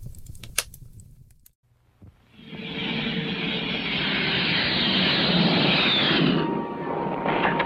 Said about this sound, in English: Hi, this is my friend, the Grumman Tiger. It's a jet,